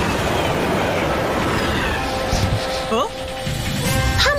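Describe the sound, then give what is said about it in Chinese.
A train rolls in on the rails with a steady, loud rumbling roar, broken near the end by a few short rising squeals, while voices murmur underneath. “哦，是火车来了。”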